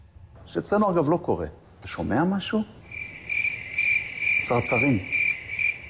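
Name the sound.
crickets chirping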